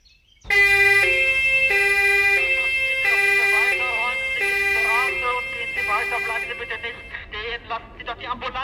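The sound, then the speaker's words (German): A loud two-tone ambulance siren alternates high and low notes outside a hotel at an accident scene, then fades into jumbled crowd voices and street bustle. “Bleiben Sie nicht stehen und machen Sie die Straße frei, damit der Krankenwagen durchkommt.”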